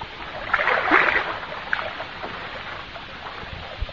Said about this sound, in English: Or, on the other hand, many people nowadays find considerable enjoyment in taking out one of those little pedal boats for the afternoon.